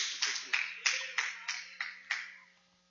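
A standing church audience clapping joyfully for Jesus to welcome a brother, in a steady rhythm of about seven broad bursts, each with a sharp onset and a lingering wash, fading out at the end with no voices over it.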